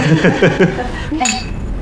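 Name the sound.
glasses clinking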